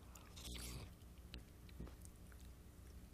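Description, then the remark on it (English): Wet slurping of broccoli cheddar soup with a short sucking burst, followed by soft, moist chewing and small mouth clicks over a steady low hum, without any talking. “Slurping some soup.”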